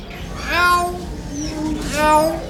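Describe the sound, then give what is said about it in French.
A parrot named Jaco, asked to do the little cat, mimics a cat's meow twice, each call a rising and falling harmonic wail about a second long, fairly loud, with a brief pause between them. “Jaco, tu fais le petit chat ?”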